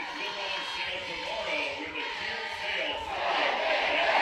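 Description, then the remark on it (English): A crowd of Nebraska Huskers fans cheers and chants "Go Big Red" together in a steady roar of many voices, with no single speaker standing out. The roar swells louder toward the end as Nebraska celebrates its regional championship and advances to Super Regionals. “And the cheer of Go Big Red up from the patrons.”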